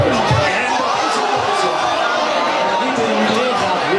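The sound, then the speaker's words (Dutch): A packed café crowd at café Het Fust on Stadhuisplein in Rotterdam lets out a loud, sustained collective "ooh" and "aah", voices swelling and falling together over a dense bed of chatter, at a corner kick by the Dutch national team, Oranje, that did not go in. “En u hoorde de oes en de aas bij die hoekschop van Oranje die er niet in ging.”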